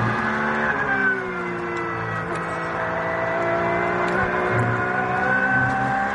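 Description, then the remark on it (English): A Porsche race car, the number 5 car, roars loud throughout on a circuit, its pitch climbing and dipping as the driver works through the gears, with no voices present. “Porsche, who's giving us a little masterclass on how to drive this clear track frame at the moment”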